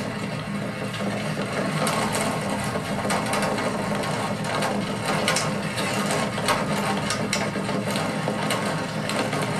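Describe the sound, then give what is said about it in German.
A rickety vehicle rattles steadily over the cobblestone pavement of the Bassinplatz, a dense, continuous clatter of loose parts with rapid irregular knocks and a low rumble underneath, fairly loud throughout with no voices. “Klare Zeichen, wir sind schon etwas klapprig, zumindest auf diesem Pflaster.”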